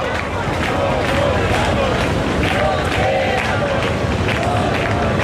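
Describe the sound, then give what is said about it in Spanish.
A large crowd in the Puerta del Sol chants the slogan "nos quedamos, no nos vamos" in unison as a housing decree is repealed, voices rising and falling in a steady rhythmic cadence over a dense roar of loud, continuous crowd noise. “Y el grito es, nos quedamos, Piñero, no nos vamos.”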